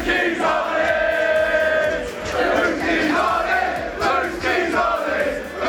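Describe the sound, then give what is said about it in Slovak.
A large crowd of Arsenal football fans chants together in unison after the match in which Arsenal won the title, loud and sustained, singing "Whose keys are these?" after someone lost keys, with a sing-song melodic line that rises and dips across a few repeated phrases. “Napríklad niekto tam stratil kľúče, tak kričali fanúšikovia všetci spolu Whose keys are these?”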